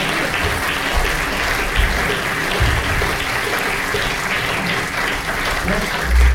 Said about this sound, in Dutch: Grote applaus nog.